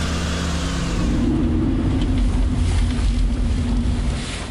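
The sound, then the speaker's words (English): Steady wind blows outdoors at the car park of Rosebery Topping in North Yorkshire, buffeting the microphone with a loud, continuous low rumble and broad hiss that holds for several seconds before easing slightly at the end, with no voices. “It is a little bit breezy.”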